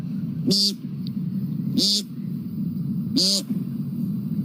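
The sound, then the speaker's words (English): A person imitates an American woodcock's nasal, buzzy peent call, voicing three short, evenly spaced calls over a steady low background hum. “Next, the American woodcock.”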